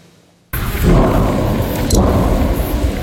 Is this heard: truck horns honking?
no